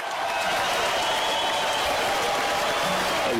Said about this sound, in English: Xavier, you hear that applause for you?